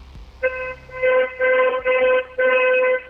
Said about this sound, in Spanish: ¿Sí se escuchó? ¿Mandé? ¿Sí se escuchó mi claxon? Sí, pero no se escucha quién le conteste.